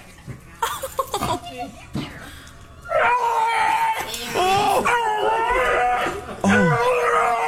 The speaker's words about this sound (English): This dog is at a vet and is being released to its owner and makes, you know, dogs make weird noises sometimes when you come home. This one does, too, but it sounds like a TIE fighter.